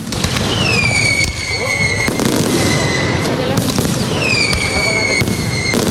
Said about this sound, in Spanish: Y por San Francisco, los fuegos artificiales para despedir la Feria de Úbeda 2026. Espectáculo pirotécnico desde el recinto ferial, que dijo adiós a esta feria para ir preparando ya la siguiente.